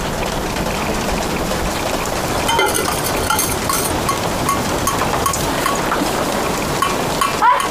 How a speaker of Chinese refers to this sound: 房子一下雨就漏水，这也不是个事儿啊。